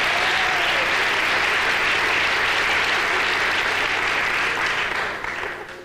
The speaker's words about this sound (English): How many non-smokers are here tonight? Non-smokers. By round of applause, let's hear non-smokers.